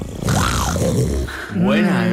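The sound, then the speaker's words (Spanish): A person imitates an animal roar with a loud, drawn-out growling voice that rises and falls in pitch. It breaks briefly, then comes a second, shorter roar. “Bueno, vamos a ver el rugido.”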